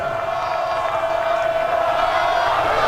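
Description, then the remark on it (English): A stadium crowd at a baseball game keeps up a steady, loud roar of cheering, with a sustained chant-like tone running through the whole stretch and no break or fade, as fans try to start a Noles cheer while Cal Fisher bats with the bases loaded against Pitt. “Animals trying to get a Noles cheer going here.”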